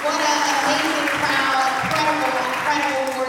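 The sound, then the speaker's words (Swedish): An audience in church pews at a citizens' meeting in Washington applauds steadily and loudly for a few seconds as a woman takes the microphone, a dense wash of clapping with voices and cheers mixed in. “… är klädd i knallrosa kostym och hon möts av applåder när hon vant greppar mikrofonen.”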